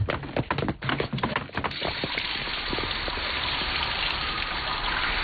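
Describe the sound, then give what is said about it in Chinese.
Water from a shower in a shower room streams down steadily in a continuous hiss, after a few seconds of uneven splashing and clattering at the start. No one speaks. “哎，大先生 啊， 要么我带你到淋浴间冲个澡再走吧。”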